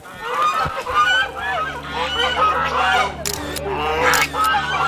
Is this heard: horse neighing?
no